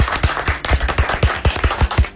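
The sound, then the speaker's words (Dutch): A short burst of clapping from a small group applauding the show's guests, Najib Amali and Roué Verveer: quick, irregular sharp claps overlapping in a steady patter at moderate loudness, with no voices heard. “Ja, nou ja, nou wij klappen graag voor onze gasten.”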